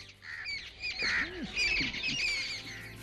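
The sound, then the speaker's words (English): A busy chorus of birds in a garden chirping and twittering over one another without pause, with a few lower squawking calls mixed in, steady throughout. “I listen to the sweet chirping of birds.”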